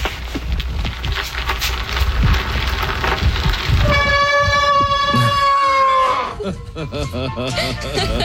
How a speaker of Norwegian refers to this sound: Den intens. Den meget intens. Er det bremsen? Det bremsen. Det bremsen, ja. Så høres ut som et tog.